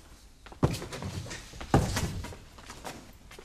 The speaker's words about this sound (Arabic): لنفتح الباب وندخل عليه يا مولاتي حتى نتيقن. نعم افتح الباب.